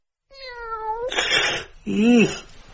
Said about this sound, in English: Meow. Yes, all right, Elgar, I'm going.